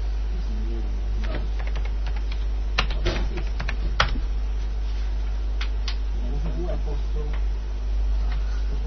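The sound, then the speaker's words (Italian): Someone types the command boot NFS on a computer keyboard, a short run of quick clicky taps clustered in bursts, with faint murmured voices and a low steady hum underneath. “Ha digitato boot NFS.”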